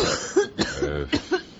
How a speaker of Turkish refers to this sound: Amma kötü öksürüyorsun be bacım. Günlerdir böyleyim